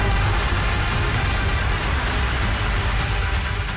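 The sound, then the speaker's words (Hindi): A steady, dense afternoon downpour of heavy rain under dark clouds hisses continuously, with a deep gusty rumble of strong wind underneath; loud throughout, with no voices. “सुबह तक खिली धूप के बाद दोपहर में आसमान पर काले बादलों ने डेरा डाल दिया और तेज हवाओं के साथ मूसलाधार बारिश शुरू हो गई।”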